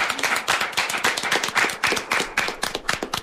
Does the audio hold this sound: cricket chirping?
no